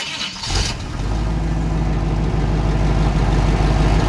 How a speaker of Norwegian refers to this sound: Det nok en liten lastbil, altså, der. Det riktig, men det ikke presist nok, da. Mercedes? Nei, det var en Chevrolet.